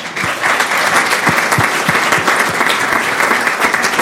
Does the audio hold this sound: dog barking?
no